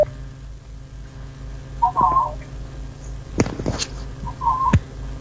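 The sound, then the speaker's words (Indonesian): Short electronic telephone tones chirp twice over a low hum, separated by a few clicks and rustles as a phone call that was cut off is retried to reconnect; no one speaks. “Kita kembali mencoba terhubung.”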